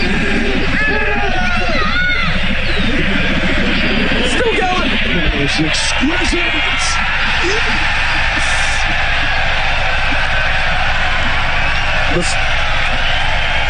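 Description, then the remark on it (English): A golf crowd roars and cheers in a loud, sustained wave that never lets up after a long putt of about 67 or 68 feet, with whoops and shouts rising out of the din while a man speaks briefly over it. “The crowd, though.”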